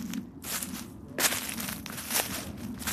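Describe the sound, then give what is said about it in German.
Footsteps crunch and rustle through forest undergrowth in the Lorzendobel woods in the canton of Zug, in an uneven walking rhythm, each step a crackly burst of leaves and twigs, with no voices. “geht voraus durch den Wald im Lorzendobel, bis er vor einer besonderen Gruppe von Bäumen stehen bleibt, vor Traubeneichen.”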